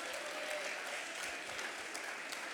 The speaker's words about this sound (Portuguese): Agora sim, pode aplaudir o nome do Senhor, pode.